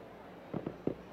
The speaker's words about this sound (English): A whole lot of fireworks are going off everywhere around Dale Diamond now.